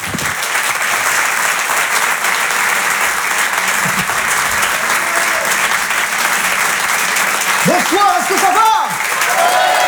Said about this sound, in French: Je vous demande de l'encourager, de l'applaudir très fort. Voici sur Rire et Chanson, Hervé Dipari.